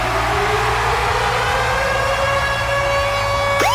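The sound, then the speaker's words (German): The Virgin Radio Ticket Alarm jingle on the Virgin Radio Morning Glory show, a loud, steady siren-like alarm with sustained tones rising slowly in pitch over a rumbling low hum, ending in a sudden upward sweep. No one speaks. “Und zwar immer dann, wenn ihr unseren Virgin Radio Ticket Alarm hört.”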